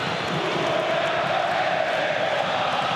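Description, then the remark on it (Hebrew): A large stadium crowd at a football match involving Hapoel Be'er Sheva roars and chants for the penalty to be given to Itay Hazut, a dense, steady wall of voices that stays loud from start to finish with no single speaker standing out. “תנו את הפנדל לחזות, אם אני שומע נכון. קהל צועק.”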